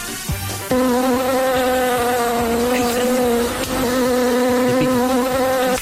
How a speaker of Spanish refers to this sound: ¿Qué es eso? ¿Es un dron? No, la abeja. No, parece. En realidad parece Cola Pinto con las válvulas desinfladas del Alpine. Parece. Más que en una abejita.